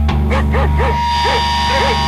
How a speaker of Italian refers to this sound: che succede? Un cane?